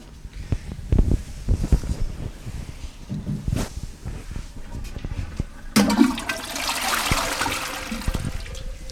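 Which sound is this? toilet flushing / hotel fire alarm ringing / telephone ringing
toilet flushing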